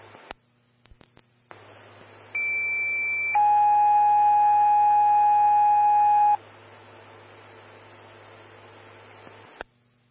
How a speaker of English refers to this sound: Station 3, Medic 124, standby for tones on hemorrhage. This will be call 4.